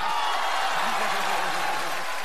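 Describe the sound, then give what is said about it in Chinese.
An audience bursts into steady, dense applause, a continuous wash of many hands clapping that fills the whole moment, with faint voices murmuring underneath. “您就活在掌声里了，你知道？”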